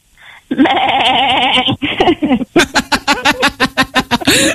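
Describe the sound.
A person imitates a goat, letting out a long wavering bleat followed by a quick series of rhythmic, stuttering bleats, loud, ending in laughter-like bursts.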